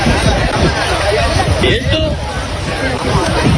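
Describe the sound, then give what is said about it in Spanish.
Crowd commotion on a beach in Cartagena, Murcia, Spain, as 62 migrants leap from a crowded boat and run ashore: a dense, steady babble of many overlapping voices, loud throughout, with a few brief higher shouts rising above the din and a constant wind-like rush underneath. “Mira, sonido de hace unas horas en la playa, en una playa de Cartagena, en la región de Murcia.”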